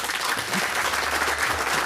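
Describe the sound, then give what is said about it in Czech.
A festival audience applauds steadily, a dense, even wash of many hands clapping at once with no pauses, holding a constant loud level throughout. “A vítáme samozřejmě naše festivalové publikum, jehož potlesk právě slyšíte.”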